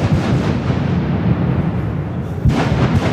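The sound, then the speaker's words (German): The first blast starting construction of the Las Ruinas tunnel between Disentis and Mädel rumbles in as a heavy, sustained low roar, followed near the end by a second sharp, booming burst that rolls on loudly. No one speaks. “Das war ein Anschiessen vom lang ersehnten Tunnel Las Ruinas”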